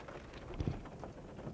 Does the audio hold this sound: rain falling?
yes